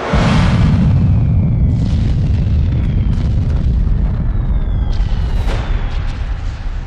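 A massive underground mine explosion of boxes of TNT packed into a tunnel mine chamber under enemy fascist positions, set off before dawn by Soviet troops on their company commander's order: a deep, loud roar that hits at once and keeps rumbling for several seconds, with faint whistling tones above the low boom.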